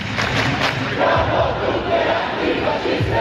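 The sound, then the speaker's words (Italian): A dense crowd of about a thousand anti-capitalist protesters marching through the streets of the capital roars and chants slogans continuously, many voices blending into a loud, steady wall of sound with rhythmic swells. “Un migliaio di persone hanno sfilato per le strade della capitale, ma non per quelle del centro, chiuse e monitorate dalla polizia.”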